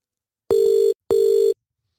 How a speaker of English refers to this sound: All right, let us try now, okay, and see if we can't get this gent on the line. Come on. Answer the phone. Oh, come on.